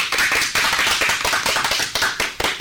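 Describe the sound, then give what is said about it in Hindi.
A crowd applauds steadily after a poem recitation, many hands clapping together in a dense, continuous patter that stays loud for the whole stretch, with no voices on top. “जोरदार तालियां हो जाए।”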